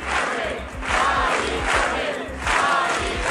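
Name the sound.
protest march crowd chanting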